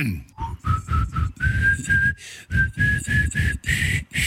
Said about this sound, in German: pfeift mir einen Schlager und ich muss ihn erkennen.